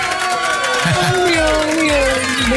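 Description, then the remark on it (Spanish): A loud, steady wash of crowd applause and cheering fills the whole stretch, with a sustained tonal sound running underneath and a few low thumps; the audience applauds a guest wearing a Mexico national team shirt. “¡Fuerte el aplauso!”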